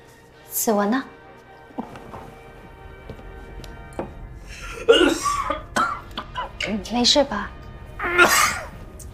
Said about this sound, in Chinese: 臭毛病，我一紧张我就想咳嗽。